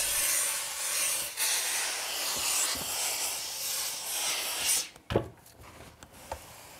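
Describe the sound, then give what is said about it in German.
A steady hiss of steam mixed with brushing, rubbing strokes over the felt of a hat as the last dents and unevenness are steamed out and the felt is smoothed, for several seconds, then the hiss cuts out and a few soft thumps and taps follow. “Letzte Unebenheiten und Dellen werden mit Dampf herausgebügelt.”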